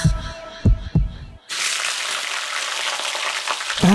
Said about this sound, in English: That's delicious New Zealand steak sizzling in the pan.